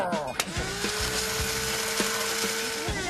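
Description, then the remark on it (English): A blender purees chopped tomatoes and onion, its motor holding a constant whine while the food churns and thumps against the jar at irregular intervals. “Now put them into the blender and hit puree to make it nice and smooth.”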